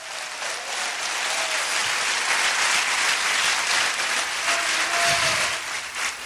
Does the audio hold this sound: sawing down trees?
no